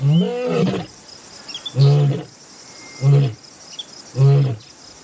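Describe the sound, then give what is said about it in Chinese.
A lion named Arthur roars in Katavi National Park in a series of deep, rumbling calls: one long opening roar followed by three shorter grunting roars about a second apart, over a steady high buzz of insects. “另一头狮子也在慢慢靠近幼崽”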